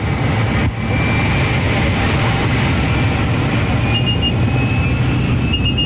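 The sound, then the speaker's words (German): Loud, steady engine drone fills the cabin of a tiny skydiving airplane crowded with about 10 people in colourful full-body suits, a constant low roar with a high whine running throughout, unbroken for several seconds with no one speaking. “Zusammengequetscht wie Sardine in der Büchse hocken wir mit etwa 10 anderen Leuten in farbigen Ganzkörperanzügen in einem munzigen Flugzeug.”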